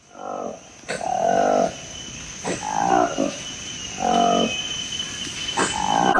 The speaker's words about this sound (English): You're listening to the sound of a new species of monkey discovered by researchers in the forests of a national park in the Democratic Republic of Congo.